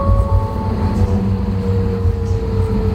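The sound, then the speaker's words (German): A tram in Halle, Germany, rolls along with a steady low rumble and rattling, with sustained whining tones sliding slightly in pitch as the motor runs. “Ich bin in Halle oft mit der Straßenbahn unterwegs”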